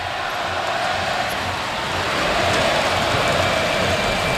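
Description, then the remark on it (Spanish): A large crowd at the Martín Carpena arena in Málaga chants "Árbitro, qué malo eres" at the referee during a Unicaja vs Laguna Tenerife basketball game, a dense, continuous roar of many voices that swells slightly louder partway through, with a faint rhythmic pulse underneath. “Árbitro, qué malo eres, canta el Carpena.”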